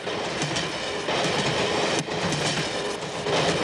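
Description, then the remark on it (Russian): A train rumbles along at speed, its wheels clattering steadily over the rails with a dense, continuous roar and periodic clacks at the joints, loud, with no voices, as the train passes over switches from one track to another. “Стремительно под колеса несутся рельсы. Переключаются стрелки, состав переходит с одного пути на другой.”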